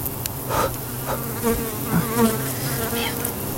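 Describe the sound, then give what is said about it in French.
A bee buzzes very close to the microphone, landing on the phone and then on a finger: a steady droning hum that swells and wavers in pitch as it hovers and shifts around, loud and continuous with no talking. “Abeille, oh là, sur mon téléphone. Maintenant, elle vient sur mon doigt.”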